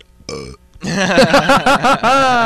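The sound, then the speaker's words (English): A man gives a loud burp right into the microphone, a short croak followed by a long, drawn-out belch that pulses in throaty waves for about two seconds. “He burped into the microphone, and it was wonderful.”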